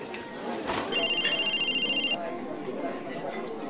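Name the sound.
mobile phone ringing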